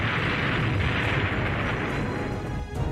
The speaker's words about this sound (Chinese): 有一天行军途中，一架敌机突然俯冲下来，杨厚珍来不及躲避，一颗炸弹在他身边爆炸了，失去知觉的他倒在了血泊中。